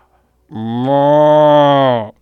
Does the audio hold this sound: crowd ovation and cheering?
no